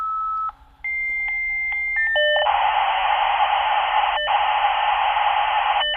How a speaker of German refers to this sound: Ja, so tönte es in den 90er Jahren, als ein Modem sich in das Internet eingewählt hat. Daran erinnert sich die Kuratorin Merit Ernst vom Zürcher Museum für Gestaltung.